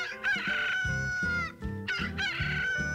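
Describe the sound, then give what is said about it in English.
A rooster crows loudly at dawn, its strained, rising-then-falling call repeated in quick succession, with no voices around it. “That there is our We Are Open sign. Early Bird Bait Shop opens at the crack of dawn to serve the real fisherman.”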